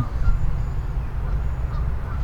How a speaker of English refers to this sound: And those geese that were in the corner have sort of moved closer.